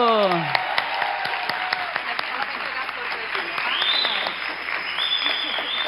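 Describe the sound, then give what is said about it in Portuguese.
Steady, dense applause from a large audience at the São Paulo State Legislative Assembly as the Colar de Honra ao Mérito Legislativo is conferred, many hands clapping at once, fairly loud, with faint voices and a brief falling tone at the start. “Aplausos, muito barulho!”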